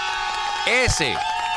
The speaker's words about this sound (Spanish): Ah, un aplauso, señores. Descanse en paz.